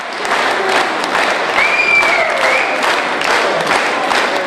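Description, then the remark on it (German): Sustained, dense applause from a theater audience in Hettstedt at the end of a play, many hands clapping steadily at a loud level as spectators rise from their seats, with a faint whistle-like tone rising briefly over the clapping near the middle. “So war der Applaus am Ende riesig.”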